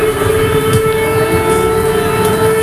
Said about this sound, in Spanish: Desde que el jueves sonaran las alarmas antiaéreas en la zona fronteriza entre Polonia y Ucrania